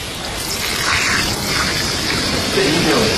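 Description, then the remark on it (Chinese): Chicken broth, slow-simmered from an old hen with cooking wine and salt, pours steadily into a pot, a continuous splashing gush that keeps an even, fairly loud level for the whole few seconds with no break. “然后我再加点鸡汤”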